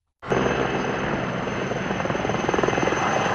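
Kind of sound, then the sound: vehicle, firefighting aircraft flying overhead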